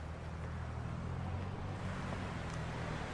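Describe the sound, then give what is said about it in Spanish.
A car engine hums with a steady low rumble as the car drives away from a house, holding at an even level for a few seconds amid broad road and wind noise, with no voices. “Jackie avanza un poco para ver cómo se aleja el auto de la casa.”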